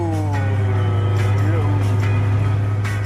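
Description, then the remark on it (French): The 2-litre six-cylinder engine of a GT6 sports car (introduced 1966, designed by Giovanni Michelotti) at cruising speed: a steady drone, a strong low hum with harmonic tones that slide downward as the revs ease off, continuous for a few seconds. “Tu remarques comme le moteur baisse d'un ton ?”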